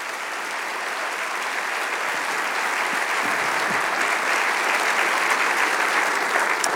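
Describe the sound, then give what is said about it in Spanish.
An audience applauds for Jesus, the King of Kings, steadily for several seconds, a dense wash of clapping from many hands that holds at an even, fairly loud level throughout. “Vamos a darle un aplauso al Rey de Reyes.”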